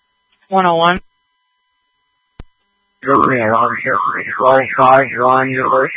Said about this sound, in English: Sorry, that alarm in the background.